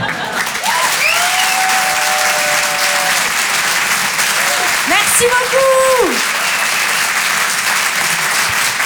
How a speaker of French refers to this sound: Vous pouvez l'applaudir très fort pour son premier passage sur Rire et Chanson.